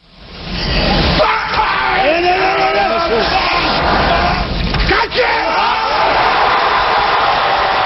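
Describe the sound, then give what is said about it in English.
A weightlifter's loud, strained effort grunt as he hoists 470 pounds over his head swells into a drawn-out bellowing scream, nearly drowned by a roaring, cheering crowd that stays loud throughout. “That scream he's making, it's called an effort grunt.”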